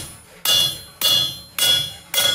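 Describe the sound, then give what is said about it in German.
Four sharp, ringing blows of a small hammer on a piece of iron laid on a straightening plate to straighten it, at a steady pace, roughly half a second apart, each with a bright metallic ring that decays before the next strike. Loud, no talking. “Das heißt, du legst es hier auf und haust einmal ordentlich mit dem Hämmerchen drauf.”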